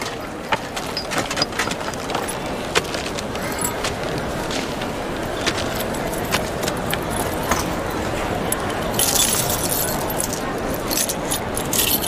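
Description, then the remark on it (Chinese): A large bunch of house keys, all taken along for a long trip, jangles and rattles continuously during a customs bag inspection: a dense metallic clinking with bright, sharp transients throughout, growing slightly louder toward the end. “哎，那个，我这不要出远门嘛，我家里的钥匙我就全部带上了。”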